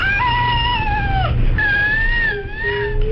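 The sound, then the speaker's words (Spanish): A baby with cri-du-chat syndrome, a genetic condition caused by loss of part of chromosome 5, cries in a shrill, mewing, cat-like tone: two long, sustained, loud wails, with no talking. “Vamos a fijarnos en el llanto de este bebé y en que el sonido es especialmente agudo.”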